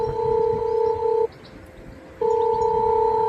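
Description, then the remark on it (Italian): An intercom call tone rings out as visitors call at an entrance: two long, steady electronic beeps separated by a brief pause, clear and fairly loud over faint background noise, with no one speaking. “Chiamata inoltrata, attenta.”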